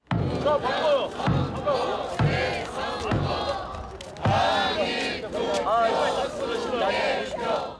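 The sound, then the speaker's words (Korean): A large crowd of protesters chants loudly in rhythmic, shouted bursts at a blockade protest outside the entrances of the Jamsil vote-counting stadium. The many voices rise and fall together, with a few sharp pauses and sudden louder surges throughout. “잠실 개표소가 다시 봉쇄된 다음 날, 시민들은 평소처럼 시위를 이어갔습니다.”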